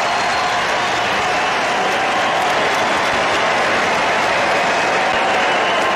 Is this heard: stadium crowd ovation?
yes